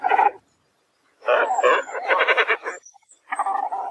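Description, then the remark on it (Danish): A cormorant gives harsh, guttural croaking calls in three bursts separated by short pauses, the middle one longest. The calls are fairly loud, with no talking. “Det handler om fuglen skarven, som man kan kende på det her lidt særpræget kald.”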